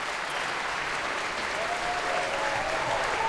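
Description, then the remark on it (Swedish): Steady concert audience applause for concertmaster Anders K. Nilsson and the soloists, a dense, continuous patter of many hands clapping at an even level throughout, with no voices standing out. “Än en gång konsertmästare Erik, nu säger jag fel, Anders K. Nilsson får ta emot applåder.”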